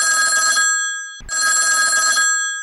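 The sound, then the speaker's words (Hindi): A telephone rings with an incoming listener call to a radio song-request program: two long, loud electronic ring bursts separated by a brief pause, clear with no voices. “देखिए राउर मन से गुड बात होता है, एक ठन फोन आता है तो एला झोकल जाए कि ये हमार पहिल फोन का कर हवे।”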